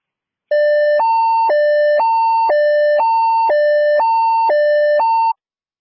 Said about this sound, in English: All units working Suncrest under Israel Command, standby emergency tones.